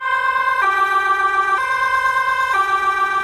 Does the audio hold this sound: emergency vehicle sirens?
yes